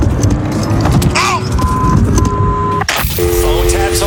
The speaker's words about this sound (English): I'm going to get the keys. Please, they're in the front seat. Okay. Oh, this is starting my car up.